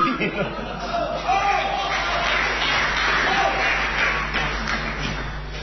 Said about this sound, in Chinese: 感谢大家掌声鼓励。 谢谢。